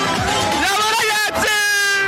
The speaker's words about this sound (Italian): Ti faccio sentire ancora qualche tifoso.